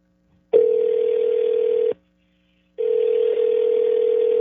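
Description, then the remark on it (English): A phone line rings back on an outgoing call: a steady electronic tone sounds for over a second, pauses, then starts again. Loud, with no voices. “I'll call him back.”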